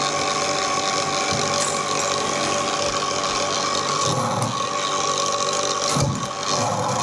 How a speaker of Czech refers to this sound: Těsně před závěrem naší výroby si zapínáme řezačský stroj, pomocí kterého oddělujeme jednotlivé perly od sebe.